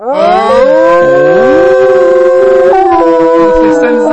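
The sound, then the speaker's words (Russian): A person imitates a wolf howl as a voice exercise, tongue curled back toward the back teeth and lips pushed forward: a loud, sustained voiced tone that glides upward and holds, with shifting vowel shapes over about four seconds, wavering slightly near the end. “Молодец, настоящий волк.”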